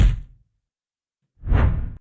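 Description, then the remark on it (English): Two broad, airy whooshes sweep past, one fading out at the start and a louder one rising near the end, separated by silence, with no speech. “I like that swoosh at the end. That's a good proclamation sound.”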